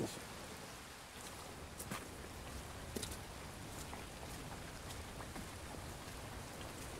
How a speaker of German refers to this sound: Gegen Mittag immer noch Regen.